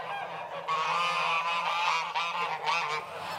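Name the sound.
geese honking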